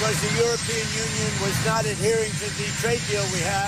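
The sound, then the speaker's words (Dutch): A loud, steady helicopter engine roar fills the background throughout, with President Trump speaking over it, explaining higher import tariffs on cars and trucks from the European Union. “En in de buurt van zo'n helikopter legt hij uit waarom.”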